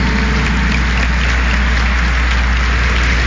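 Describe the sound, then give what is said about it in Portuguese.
An audience at the Sanctuary of Aparecida in Brazil applauds in welcome during a prayer service broadcast by Rede Aparecida de Comunicação: a sustained, dense wash of clapping that stays loud and steady for a few seconds, with no voices over it. “Vamos nos acolher e acolher aqueles que rezam conosco através da Rede Aparecida de Comunicação com uma calorosa salva de palmas.”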